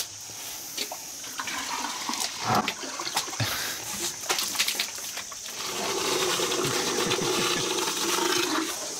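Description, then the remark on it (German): Elephants drink water from a bucket through their trunks: wet gurgling and bubbling as water is sucked and blown, with irregular splashy bursts at first, then a steadier churning, sloshing flow in the second half. No one speaks. “Trinken ohne Blubbern macht doch keinen Spaß.”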